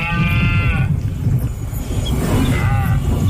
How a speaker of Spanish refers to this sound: El sonido de la berrea del ciervo, la llamada del lince ibérico o el crotoreo de la cigüeña blanca son algunos de los sonidos que podrán escuchar quienes participen